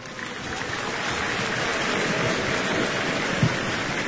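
A crowd applauds steadily for about four seconds, the dense clapping holding an even, sustained level from start to finish with no voices on top, welcoming former National Assembly member Kim Hoe-jae, introduced as a guest at a Far East Broadcasting Company event.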